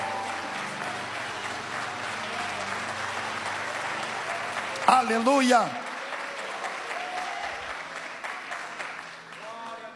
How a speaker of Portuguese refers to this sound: Pode desocupar as vossas mãos e vamos dar uma forte salva de palmas.